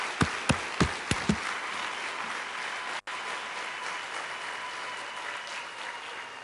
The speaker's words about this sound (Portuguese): eu quero mais uma salva de palmas para todas as crianças que estão no resto do país.